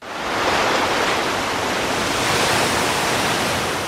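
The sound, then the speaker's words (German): Steady, uniform rushing of ocean waves washing onto the beach of Escobilla in the middle of the night, pitch dark and deserted, a broad continuous roar that holds at a constant loudness throughout with no voices. “Nur wer genau hinhört, nimmt neben dem gleichförmigen Rauschen der Wellen auch das leise Schnaufen der Meeresschildkröten wahr.”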